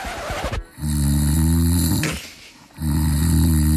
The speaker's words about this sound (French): Oui, votre conjoint dort. Et oui, votre conjoint ronfle.